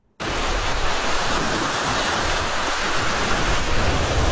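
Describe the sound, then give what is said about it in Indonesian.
A loud, steady roar of ocean surf crashing on the shore starts abruptly and continues without pause, a dense rushing wash of breaking waves with no voices. “Ombak besar atau gelombang tinggi bisa datang tiba-tiba, menghantam pantai, merusak perahu, bahkan mengancam nyawa.”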